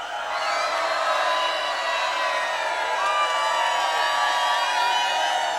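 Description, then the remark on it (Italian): A big crowd shouts and cheers together in a sustained, loud roar, many voices overlapping in high whoops and yells that hold steady for several seconds without a break. “Gridare!”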